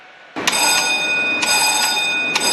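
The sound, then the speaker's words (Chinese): A combat alarm at a mountain radar station of the Hong Kong garrison bursts on after a brief hush, a loud, continuous metallic ringing with bright overtones, pulsing with sharper strikes roughly every half second to second, and no voices, as soldiers run along the mountain path to the radar position. “战斗警报响起，雷达站的官兵们沿着山路冲向雷达阵地。”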